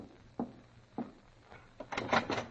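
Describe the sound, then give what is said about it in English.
Weak, hesitant knocks by an exhausted little boy on the door of his great-aunt's cottage in Dover: a few soft taps spaced about half a second apart, then a quicker, slightly louder flurry of rattling knocks at the end. “More dead than alive, I at last knocked feebly on her door.”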